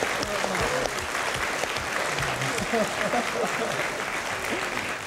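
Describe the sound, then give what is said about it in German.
A studio audience claps steadily for several seconds for a mother of 16 children, a dense, even wash of applause with faint voices murmuring underneath. “Ich frage mich immer ab, wofür klatscht das Publikum?”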